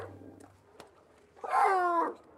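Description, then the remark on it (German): A harbor seal pup gives one loud, wavering wail, a tonal, cat-like cry lasting under a second, its contact call to reach its mother, after a quiet stretch with a faint low hum and a soft tap. “Bei den Seehunden ist das der normale Kontaktlaut, den das Jungtier ausruft, um Kontakt zu der Mutter aufzunehmen.”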